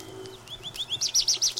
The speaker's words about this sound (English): It is spring. The birds have a full song. Woods and fields, gardens and shade trees resound with their music. Each species has its characteristic song. Over and over again, it sings the same little musical phrases.